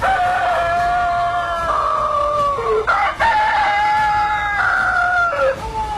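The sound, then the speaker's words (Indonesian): A rooster, the King of Kutai's fighting cock, crows loudly while flapping both its wings, several long, strained cock-a-doodle-doo calls following one another over about six seconds with no one speaking. “Di tengah-tengah kebimbangannya, tiba-tiba ujung perak kemudi besi berkokok dengan suara nyaring sambil mengepak-ngepakkan kedua sayapnya.”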